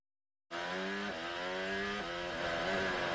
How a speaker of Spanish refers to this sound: Hacía 45 años que en la capital de España no se oía ese sonido de los 1000 caballos de potencia de los monoplazas de la Fórmula 1.